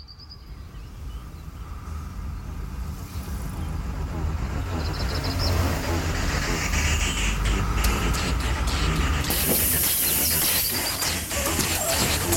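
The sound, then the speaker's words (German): A bus idles at a stop, its engine a steady low rumble, with scattered mechanical clanks and a brief hiss of air toward the end. “Tag, ich möchte fragen, ob dieser Bus zum Schwimmbad fährt.”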